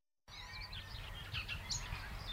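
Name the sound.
birds singing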